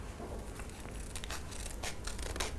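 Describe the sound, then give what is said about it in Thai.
Scissors snip steadily through colored paper as a teacher cuts out a shape, a run of crisp, papery cuts with soft rustling between them and no one speaking. “คุณครูแพรจะหยิบกระดาษสีออกมานะคะแล้วก็ตัดเลยค่ะ”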